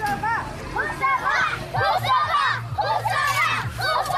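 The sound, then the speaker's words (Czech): Pupils of Husova primary school in Liberec cheer as fans at a school football tournament, continuously, high excited voices overlapping in rising chant-like waves, loud, with a low rhythmic drone underneath throughout. “Asi nejhlasitější fanouškovský tábor tady, zdejší základní škola Husova liberecká.”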